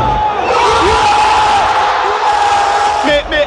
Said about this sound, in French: Mais le suspense se prolonge jusqu'à la fin des tirs au but et met les nerfs des supporters à vif. C'est de la folie. Ces tirs au but, ils vont nous rendre fous. Puis c'est l'explosion de joie.